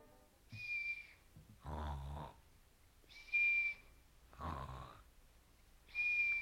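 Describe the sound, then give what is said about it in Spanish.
A thin, steady high whistle, made by a sleeper's breath passing through a hollow, tube-shaped key, sounds three times, each alternating with a rough, snoring intake of breath, making a slow sleeping rhythm of whistle and snore, with no talking. “que yo, durmiendo, echaba, salía por lo hueco de la llave, que de cañuto era y silbaba, según mi desastre quiso, muy recio, de tal manera que el sobresaltado de mi amo lo oyó, y creyó sin duda ser el silbo de la culebra, y cierto lo debía parecer.”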